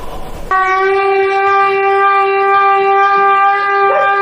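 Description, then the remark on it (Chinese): A loud, steady alarm siren, sounded with a gong during a flood-evacuation drill in Kou'er Village, Hebei Town, Fangshan District, Beijing, starts abruptly after a brief burst of noise and holds one unwavering, harmonic-rich pitch for several seconds without rising or falling. “对，听见锣声摇警报声，我们就往下走。”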